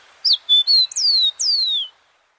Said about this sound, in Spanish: El trino del copetón común forma parte del Banco de Sonidos de Aves Colombianas, recopilado por el Instituto von Humboldt y la Universidad de Cornell.